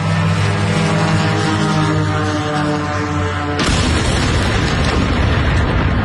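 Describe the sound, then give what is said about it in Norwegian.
A steady, buzzing drone engine with layered harmonic tones runs for several seconds, then is cut off by a sudden, loud explosion as the drone strikes near an oil refinery in Moscow, Russia, leaving a dense, roaring rumble to the end. “Denne uken rammet droner flere mål langt inn I Russland, blant annet denne I nærheten av et oljeraffineri I Moskva.”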